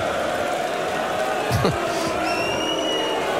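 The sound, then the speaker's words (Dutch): A large crowd in a darts hall roars and shouts continuously during a darts match, with a sharp thud partway through and a high whistle rising above the din near the end. “Ja, er wordt wel echt van alles geschreeuwd en gedaan nu in die zaal.”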